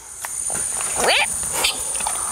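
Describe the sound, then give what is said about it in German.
A female tapir named Navi, coming when called by name or by a whistle, gives a high, squeaky call to announce she is coming: one bending, whistle-like sweep followed by a shorter squeak, over a steady shrill insect drone. “Und dann quietscht sie immer, um Bescheid zu sagen, dass sie jetzt kommt.”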